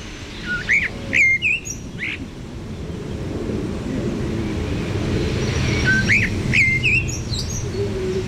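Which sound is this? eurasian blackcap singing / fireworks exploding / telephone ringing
eurasian blackcap singing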